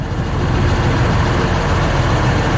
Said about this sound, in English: A methane or natural gas fueled tractor. It's just really incredible for our program.